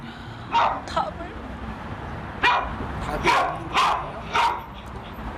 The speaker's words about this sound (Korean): 제가 원래 혼자 데리고 살 때는 탈출 행동만 있고 짖는 건 많이 없었는데, 지금은 짖는 게 더 많이 생기고 탈출 행동은 사라지니까 어떤 게 사라지면 또 있던 게 생기고 계속 바뀌어서 결국 10분 만에 연습 종료.